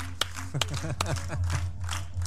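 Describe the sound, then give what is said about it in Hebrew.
Children clap their hands for King Hezekiah in a few sharp, irregular claps that fade into scattered patting, with voices chattering over a steady low hum. “חיות כפיים לחזקיהו.”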